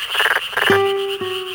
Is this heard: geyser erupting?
no